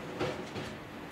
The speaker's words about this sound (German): Mit maximal 70 Kilometern pro Stunde steuert der Lokführer den Zug in Richtung Chamonix.